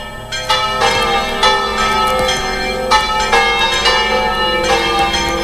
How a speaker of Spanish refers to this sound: Las campanas del santuario han anunciado el comienzo de la celebración solemne presidida por el obispo de Santander, por Arturo Ros